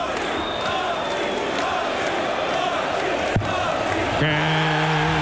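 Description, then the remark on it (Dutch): A packed darts crowd at a match between Laszlo Kadar and Gurney roars and chants continuously at full volume, with a sharp knock partway through and a sustained, tonal chorus of voices or a horn rising near the end. “Hoor het publiek.”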